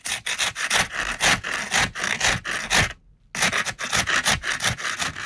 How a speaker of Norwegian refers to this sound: Ding, ding, ding! Det var skraping av bilrute!